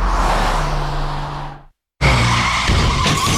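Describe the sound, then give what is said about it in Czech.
Loud tires screech in a long skid, cut off by a sudden brief silence, then a harsh burst of noise follows as a car skids and crashes and is totally wrecked, in a radio advertisement for the Kovošrot Lorenz vehicle scrapyard. No one speaks. “Tak, je to totálka.”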